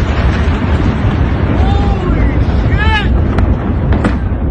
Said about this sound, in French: Dernier exemple en date avec cette vidéo montrant une vaste explosion en pleine ville.